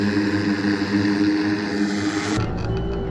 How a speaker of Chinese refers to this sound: 实兵演练阶段，几名模拟恐怖分子由俄方境内向中蒙方向逃窜越境，俄方出动直升机进行空中打击，构建火力拦阻线，将境内恐怖分子彻底分割孤立。